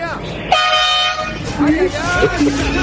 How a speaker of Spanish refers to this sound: Ahí tenés bocina, bobatón. Ahí tenés bocina. Todos los que tocan la bocina son un 7.